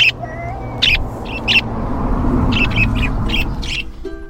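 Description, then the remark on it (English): Many parakeets kept by a man chirp and squawk in quick, irregular bursts, loud, over a steady noisy background hum with no one talking. “Yeah, he has a lot of parakeets.”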